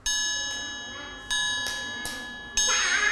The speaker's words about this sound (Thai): ถูกต้องแล้วค่ะเด็กๆนะคะเริ่มคุ้นเคยแล้วก็รู้จักเครื่องดนตรีชนิดนี้แล้วค่ะก็คือระฆังสามเหลี่ยมนั่นเองค่ะ